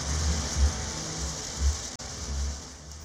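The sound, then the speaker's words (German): A shower runs steadily at the end of a song, a dense, even hiss of falling water with a few soft low thuds and a brief dropout near the end. No one speaks. “So wie der Song begann, so endet also, er mit einer Dusche.”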